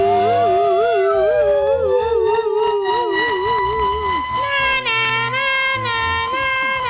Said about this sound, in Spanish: A ver. Métele sirena ahí, métele sirena.